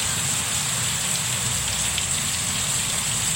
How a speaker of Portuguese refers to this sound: Bom dia, Pindoretama, um toró d'água. Pindoretama. Tô ouvindo a zoada, né? Tô. É chuva muito, velho. Tem uma goteira aí, ó.